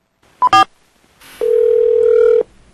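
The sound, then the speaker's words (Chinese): Two quick electronic beeps, then a steady telephone dial tone hums clearly for about a second before cutting off abruptly, as a call is placed to a friend. No voices are heard. “啊，我来卡电话甲问看卖，嗯，来。”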